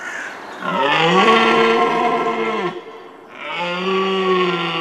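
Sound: red deer stag roaring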